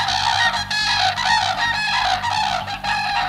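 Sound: common crane call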